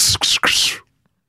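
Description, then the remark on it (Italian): A voice imitates an arrow in flight with the mouth, making three quick, breathy hissing whooshes, the last one longer, fairly loud, then silence. “La freccia.”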